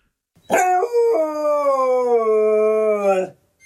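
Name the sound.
dog howling loudly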